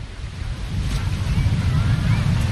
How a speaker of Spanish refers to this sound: Hombre, cerca del mar, bueno, como ya sabéis, podéis escuchar el mar, que ahí está ese mar. Ahí, a ver si escucháis un poquito. ¿Hoy se escucha o no?